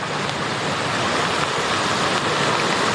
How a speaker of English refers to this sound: The winds and rain are really picking up.